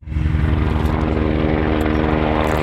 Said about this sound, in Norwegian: Et brannhelikopter pøser vann utover nasjonalparken Cairngorms.